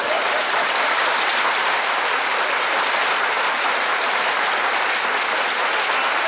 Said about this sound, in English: Now, wait a minute. Don't applaud, please. If you like it, just nod. That's all I want.